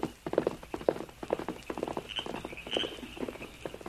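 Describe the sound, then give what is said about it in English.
A limping pony's hooves clip-clop in an uneven, halting rhythm, with steady moderate hoofbeats and no voices. “His pony is limping.”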